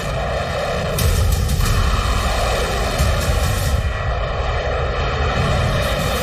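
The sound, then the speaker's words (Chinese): A U-2 high-flying reconnaissance jet drones overhead in a steady, loud, continuous roar with a low rumble and sustained engine whine, swelling slightly after the first second and never fading out. “采用尽快战法来打击 U2， 就是要尽量压缩飞机飞临阵地时，我方开天线的距离，以确保敌机来不及拐弯逃跑。”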